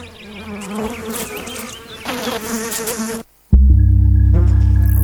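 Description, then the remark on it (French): A housefly buzzes, a wavering, continuous drone for about three seconds; after a brief silence, a louder, steadier buzzing hum takes over. No one speaks. “Alors, Est-ce qu'elles ne méritent pas qu'on les applaudisse, les mouches domestiques ?”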